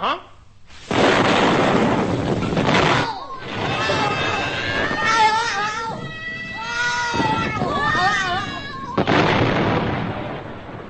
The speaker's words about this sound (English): The John capsule was today exploded and went bang.